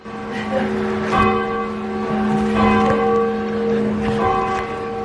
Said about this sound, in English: I think we have a video of you ringing the bell in the Old North Church. So the Old North Church is where they hung the lanterns, one if by land, two if by sea.